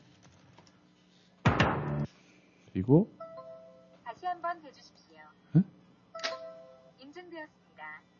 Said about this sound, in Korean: 오, 이건 뭔가 한국의 그 저기 도어락 느낌인가 보네요. 도어락. 근데 도어락도 되게 여러 가지가 있어가지고 지문 찍는 소리래요. 그러니까 도어락에 지문 찍는 소리.